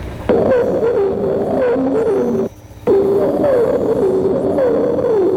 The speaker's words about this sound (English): Other modifications of this theme are entirely different phrases used by this bird may be heard in the following song.